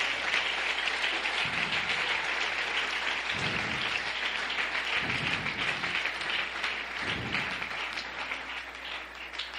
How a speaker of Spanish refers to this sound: Dale un aplauso a la gloria de Dios.